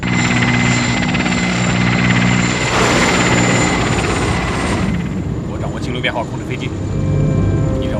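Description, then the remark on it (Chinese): A loud, steady aircraft engine drone fills the scene, continuous, with a humming tonal whine, as the plane nears a mountain pass in the Daheishan area ahead of a sandstorm, climbing from 2400 to 3000; a voice briefly cuts in near the end while the engine roar keeps going underneath. “机长，飞机要在山口里撞见沙包中心，那可就惨了。”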